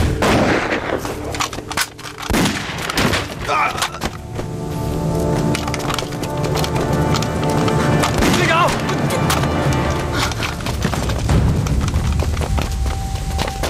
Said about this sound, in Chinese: 听见没？ 好像是枪声啊。 嗯，我也听见了。